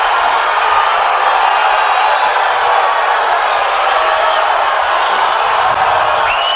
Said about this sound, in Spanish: Convocó finalmente Carlo Ancelotti a Neymar. Estos aplausos son para la convocatoria de Neymar. Suponemos que si no hubiese hecho Neymar hubiesen sido pitos, porque la gente estaba enloquecida.